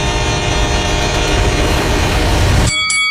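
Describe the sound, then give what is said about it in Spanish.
A train roars past, loud and rumbling with a blaring horn, then the sound cuts abruptly to a fainter tonal hum near the end. “Todos los días, muchos tientan su suerte y mueren arrollados por trenes.”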